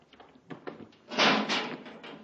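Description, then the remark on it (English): A few light knocks and clatters, then a heavy metal airlock door slides shut with a loud, rushing scrape that swells for about a second before trailing off. No voices. “Get in and close the door, Hap.”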